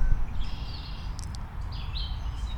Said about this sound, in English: We got red-winged blackbirds out there, because there's always red-winged blackbirds in the reeds.